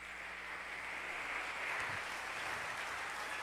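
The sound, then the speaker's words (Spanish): An audience applauds the holiness of the Lord in a steady, dense wash of clapping that stays even and fairly soft throughout, with no voices rising above it. “Dale un aplauso a la santidad del Señor.”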